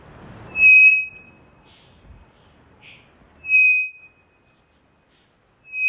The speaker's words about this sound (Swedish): Och därför blir sången då enkel, som till exempel från den här treflikiga klockfågeln som vi hörde tidigare. Vi kan ta den igen.